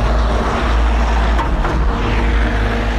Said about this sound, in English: White car with a big bald geezer in it. Looking hard as nails.